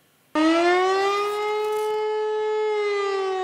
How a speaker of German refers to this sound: Wassenberg, heute um 11 Uhr. Die Sirene auf dem Rathaus wird ausgelöst. Gleichzeitig Notfallalarm auf dem Handy. Es wird geprüft, ob die Behörden die Bevölkerung im Notfall gut erreichen.